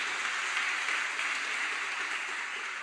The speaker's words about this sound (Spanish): Un aplauso a nuestro Salvador bendito.